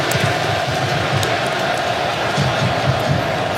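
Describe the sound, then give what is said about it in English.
A stadium crowd at a soccer match cheering to give their team a lift, in a steady, dense roar that holds at an even, fairly loud level for the whole stretch, with no clear individual voices standing out. “And right on cue, the crowd recognizing they want to give the team a lift.”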